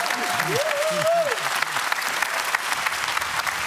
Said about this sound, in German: Guck mal, jeder Applaus tut doch gut, oder? Ist das doch immer tut schön.